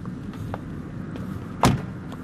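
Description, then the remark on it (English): People get out of a car and its door shuts with a single solid thump, preceded by a few faint clicks and shuffles, all over a low steady rumble of outdoor ambience. “So we just got out of the car and already I can spot a van and someone in overalls who looks like they might be”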